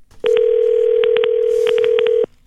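A steady telephone dial tone hums for about two seconds while Ira Glass of This American Life punches in a number to call a listener, short keypad tones landing in quick clusters over it, clear, with no voices.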